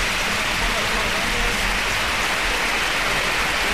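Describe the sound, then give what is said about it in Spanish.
A stadium crowd at El Sardinero applauds as Alavés player Aitor Mañas is carried off the pitch on a stretcher. The clapping is a dense, steady wash that holds at an even, loud level throughout, with no single claps standing out. “Sí, sin duda alguna, los campos de sport del Sardinero que se han volcado con Aitor Mañas, ahora se vaya en camilla el terreno de juego y ahora, mira, así suena el Sardinero, que le aplaude todo el mundo.”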